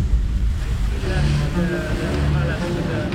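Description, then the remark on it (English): A boat moves steadily across the lagoon of Venice, sailing out to the edge of the lagoon, its engine a low, continuous drone mixed with the rushing wash of water and wind, fairly loud throughout. “sail out of Venice to the edge of the lagoon, where a seawall protects Venice from the sea.”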